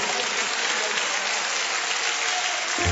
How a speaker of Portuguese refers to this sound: E você vai aplaudir ao Senhor com muita alegria.